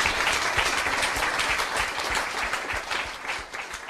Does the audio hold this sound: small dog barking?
no